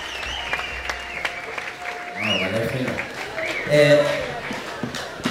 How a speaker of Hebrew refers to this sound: לפי מחיאות הכפיים אתם שומעים שהחברים כבר עלו חזרה לבמה.